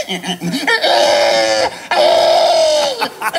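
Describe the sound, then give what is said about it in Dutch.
A person imitates a pig squealing, the winning imitation at the first world championship of pig-sound imitation, held in Estonia: two long, loud, shrill squeals separated by a brief gasp, preceded by a few short grunting snorts and ending with a quick breath. “Nee, maar in Estland werd voor het eerst een wereldkampioenschap varkensgeluiden imiteren georganiseerd”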